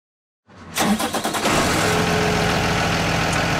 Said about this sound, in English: It sounds like either starting up a truck or a bus engine. Bingo. It's one of those big yellow school buses, the kind so many of us have taken to school, bumping around in those vinyl seats